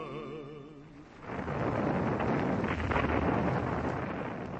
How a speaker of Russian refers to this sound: 1941 год, Ленинградский фронт, передний край обороны. ...сосредоточил здесь огромное количество артиллерии. Все кругом сотрясается от гула. Снаряды рвутся.